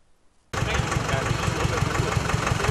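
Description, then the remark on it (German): After a brief moment of quiet, the engines of decorated tractor rigs on the fairground in Hartmannsdorf in early September suddenly rumble in, idling loud with a steady, rhythmic chugging throb and a broad, noisy wash over the top. “Auch in diesem Jahr füllte sich Anfang September der Festplatz in Hartmannsdorf mit geschmückten Traktorgespannen.”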